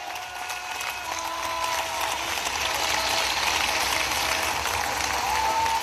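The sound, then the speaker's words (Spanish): A crowd breaks into a big round of applause for Christ, dense rapid clapping that swells slightly and holds steady at a loud level for several seconds, with faint tonal hums threading through. “Bueno, ¿cuántos le dan un aplauso grande ahí al Cristo de la gloria?”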